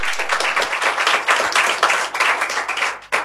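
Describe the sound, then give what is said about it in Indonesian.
Children in a studio clap to glorify God: sustained applause from a group, many hands clapping in a dense, crackling patter that stays loud and steady for about three seconds before easing slightly at the end. “Mari kita tepuk tangan bagi kemuliaan nama Tuhan.”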